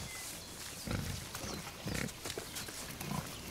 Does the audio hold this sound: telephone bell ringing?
no